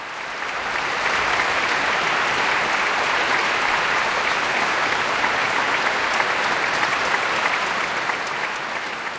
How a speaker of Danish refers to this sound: Ja, der er selvfølgelig et stort bifald til Eric Liu, som jo altså holder en pause nu.